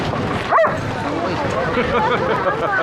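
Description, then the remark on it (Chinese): A single sharp, high-pitched dog bark rings out near the start, heard over a steady background of crowd chatter and voices. “你是来接我的吗？不是来接狗的吧？”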